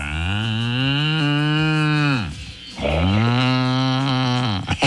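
Two long, loud bellowing moos from a cow, sustained and separated by a brief pause; no talking, just the deep drawn-out calls.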